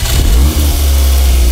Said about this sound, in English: Gosh. Man, you're revving that engine, aren't you? Get him a nicer car, man.